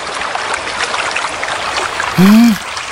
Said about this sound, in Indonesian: Wah, air sungai ini deras sekali. Kurasa tak satu pun ikan yang mau masuk ke dalam perangkap yang aku pasang.